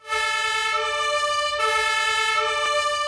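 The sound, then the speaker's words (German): A Munich professional fire brigade engine's siren blares as it responds through heavy traffic, a steady, harmonically rich horn tone shifting pitch in sustained blasts with a faint rumble of traffic underneath. No one speaks. “Es hat viel Verkehr, wie fast immer, aber dank Martinshorn und Blaulicht geht es zügig voran.”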